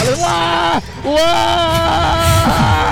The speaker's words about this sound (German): Mein Gott. Wow. Ich liebe diesen Schrei. Ja, das war besonders.